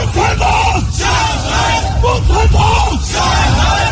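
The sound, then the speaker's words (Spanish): A crowd of exiled Chinese protesters in front of the hotel where Xi Jinping stays in Washington shouts slogans against him in loud, rhythmic chanting outdoors, voices overlapping in a dense, continuous roar with repeated yelled phrases rising and falling. “la amabilidad de la Casa Blanca contrasta con las protestas que ha desarrollado un grupo de chinos exiliados en Estados Unidos que se han apostado frente al hotel donde se aloja Xi Jinping en Washington para gritar consignas en su contra.”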